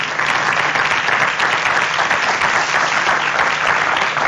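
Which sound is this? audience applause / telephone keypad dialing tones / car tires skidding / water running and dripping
audience applause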